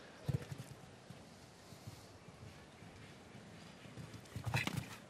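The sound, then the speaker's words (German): Horse hooves thud on the ground in a few quick beats during a show jumping round as the horse steps on the white tape of the water jump, with a louder burst near the start and another near the end, over a steady outdoor background hum. “Zum ersten Mal, in diesem ersten Umlauf, dass ein Pferd auf das Band getreten ist des Wassergrabens.”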